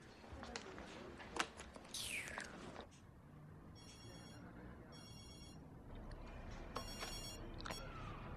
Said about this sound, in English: Phone!